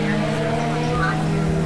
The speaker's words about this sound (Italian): Lasciamo parlare anche le immagini, il suono del motore.